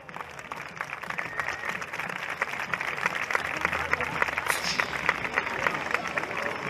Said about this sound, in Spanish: ¡Esas palmas!